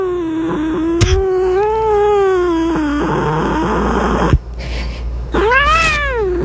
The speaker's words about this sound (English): All right, here's the cat.